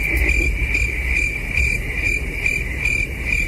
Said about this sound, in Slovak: Cvrčky, jasné. Ten pravidelný letný koncert pod holým nebom, mimochodom tento hmyz miluje teplo a čím viac stupňov Celzia, tým rýchlejšie dokáže kmitať tými krídlami a teda vydávať ten typický zvuk.